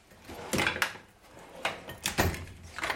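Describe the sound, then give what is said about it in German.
Several short scraping, clattering bursts, like a drawer of tools being slid open and shut while the tools inside knock around, with brief quiet gaps between them. “Und so geht es halt die ganze Schublade durch.”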